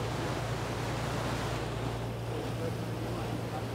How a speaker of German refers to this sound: Die Wellen.